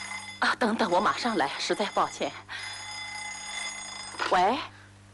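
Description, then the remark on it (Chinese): A telephone rings with a steady, continuous trill lasting several seconds, while voices talk over it in the foreground. “等等，我马上来，实在抱歉。喂，找您的。”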